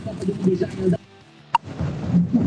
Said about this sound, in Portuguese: Chuva, hein?